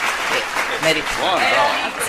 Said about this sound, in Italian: Scusa un momento, l'applauso.